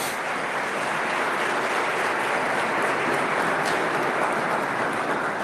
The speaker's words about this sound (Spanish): Démosle un fuerte aplauso a todas las mamás que están hoy día con nosotros.